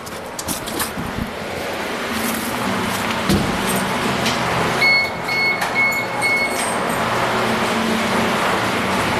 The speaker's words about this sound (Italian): Quando arriviamo alle sorgenti, il livello del fiume è minimo. Il fontaniere Mirko Negri ci apre e si inizia a sentire scorrere l'acqua.